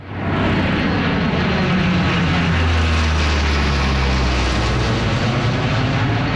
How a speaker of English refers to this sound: The sound of military aircraft flying over food trucks and a kid zone, along with music and dancing.